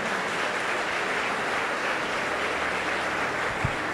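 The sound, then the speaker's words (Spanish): An audience breaks into steady, sustained applause, a dense wash of many hands clapping at an even loudness throughout, with no voices rising above it. “Le damos ese fuerte aplauso.”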